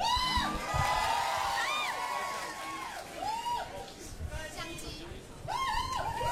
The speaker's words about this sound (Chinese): 现场朋友们来一个尖叫声，你的掌声！